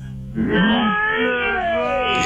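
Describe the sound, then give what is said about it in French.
A horse's vocalisation heard from very close and slowed down, so it becomes a long, loud, moaning wail with gliding, harmonic-rich pitch that lasts about two seconds. “C'est finalement c'est un cheval de très près.”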